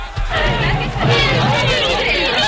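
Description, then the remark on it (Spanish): A lively studio audience on the set of Canal Bahía Televisión fills the air with overlapping chatter and excited hubbub, many voices blending into a steady, loud murmur with no single speaker standing out. “Bueno, querido público de Canal Bahía Televisión, que nos veis desde vuestras casas o los que estáis aquí en el plató, un momento de calma, por favor.”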